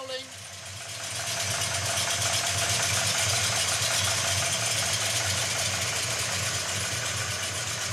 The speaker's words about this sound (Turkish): Araba boştayken çok tatlı bir ses çıkarıyor.